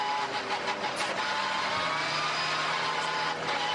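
A race car engine runs steadily, its loud, rough drone stuttering briefly a few times as if coughing and misfiring, with no voices present. It is RPM Racing's car 921, driven by Patrick Hausmann, and the engine sounds short of fuel.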